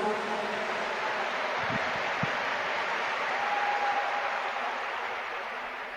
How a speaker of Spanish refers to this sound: Por eso, a todos ustedes que siempre cargan la Biblia a los congresos y que la traen, a todos ustedes, los 5,000 que están en este coliseo, un aplauso.